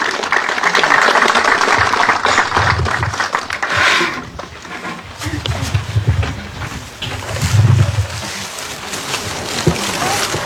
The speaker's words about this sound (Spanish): Con un caluroso aplauso, por favor.